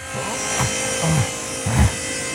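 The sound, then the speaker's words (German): A power saw buzzes steadily as it cuts cheap third-grade spruce panel boards to size, a constant whirring motor tone with a couple of heavier, lower surges as the blade bites into the wood. “Die säge ich jetzt mal eben zurecht.”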